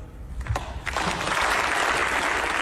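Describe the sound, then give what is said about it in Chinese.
A few scattered claps quickly swell into loud, sustained applause from a crowd greeting Frank's impassioned speech, a dense crackling wash of clapping that holds steady to the end. “弗兰克的慷慨陈词受到大家的鼓掌欢迎”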